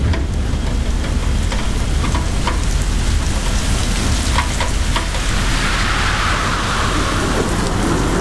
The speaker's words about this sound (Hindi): अभी बहुत heavy rain है और मुझे ट्रेस तो है ही।